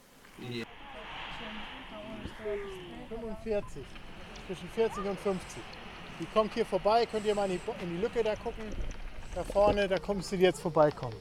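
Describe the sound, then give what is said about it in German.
Footsteps walk forward a few meters outdoors toward the next spot while searching for bats, over a steady hiss of background noise, with speech-like voices talking throughout and growing more prominent toward the end. “حالا چند متر دیگه جلو میروم تا به نقطه بعدی برسیم.”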